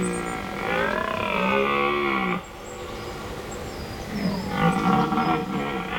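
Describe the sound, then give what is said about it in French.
A red deer stag (Cervus elaphus) bellows twice at night in a forest, each a long, deep, groaning roar with a harmonic-rich, wavering tone, separated by a brief pause, over faint background hiss. “C'est le cerf Elaf. Le Cervus Elaphus en latin.”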